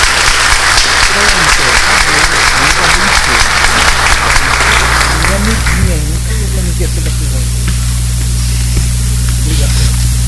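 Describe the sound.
A gathering of people claps in warm, sustained applause to welcome a child who is about to be baptized. The applause fades after about six seconds, leaving a low steady hum and faint murmuring voices beneath.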